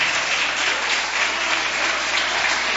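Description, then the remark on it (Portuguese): A crowd applauds steadily, many hands clapping together in a dense, continuous wash of sound that stays loud and even throughout, with no voices standing out. “Vamos receber a serva de Deus com palmas, bem alegre para Jesus.”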